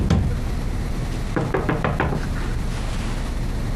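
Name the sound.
knocking on a door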